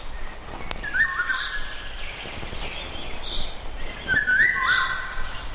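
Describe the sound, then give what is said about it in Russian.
A Eurasian golden oriole sings two fluting, whistled phrases, one near the start and another about three seconds later, clear and fairly close over a soft bed of other birdsong and ambience in a humid June forest before sunset, after a short summer rain. “В июньском предзакатном лесу после короткого летнего дождя во влажном воздухе хорошо слышна песня иволги.”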